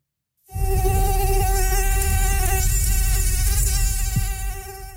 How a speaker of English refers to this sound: Yes, it's hard to escape that summer sound and the bites that come with mosquitoes.